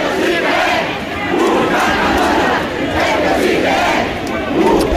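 A huge crowd of thousands chants and cheers loudly and continuously around the Cascamorras figure as he comes down into the center of Baza during its festival, the massed voices swelling in rhythmic waves with a dense roar underneath.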